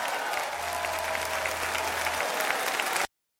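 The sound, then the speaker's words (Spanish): Steady applause from a crowd, a dense wash of clapping that holds at a constant level for about three seconds before cutting off abruptly into silence. “aplaude lo que Dios ha hecho en tu vida.”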